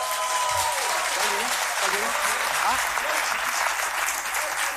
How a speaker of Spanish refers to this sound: Así que fuerte el aplauso.